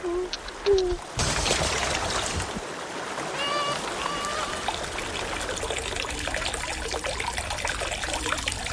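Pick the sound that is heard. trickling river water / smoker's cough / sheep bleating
trickling river water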